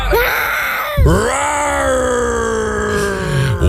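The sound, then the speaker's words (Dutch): A person imitates a lion's roar, one of several roars sent in to a Dutch radio show, with two loud, drawn-out vocal roars: a short rising bellow, then a long sustained growling roar that sags in pitch and ends with a brief final grunt. “Ja, dit zijn een paar brullen die binnen zijn gekomen.”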